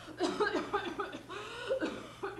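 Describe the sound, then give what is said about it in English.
A woman coughs in a run of several rough, voiced bursts, moderately loud, with no talking. “Listen to that poor woman cough.”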